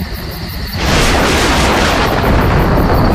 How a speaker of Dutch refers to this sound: Daar is het weer. Ach, Pippi. Het is gewoon onweer. Niks aan de hand, hoor. Echt niet? Nee, joh. Die knallen zijn gewoon wolken die botsautootjes spelen.